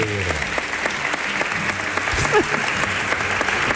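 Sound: audience applause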